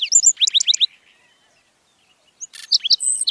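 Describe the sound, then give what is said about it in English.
A black-throated sparrow sings two short bursts of bright, tinkling notes separated by a pause, the second phrase opening with a buzzy trill; clear, with no other sounds. “Black-throated sparrows thrive in open, arid habitats with evenly spaced shrubs, trees, and cacti.”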